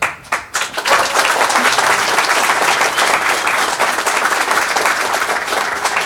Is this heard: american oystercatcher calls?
no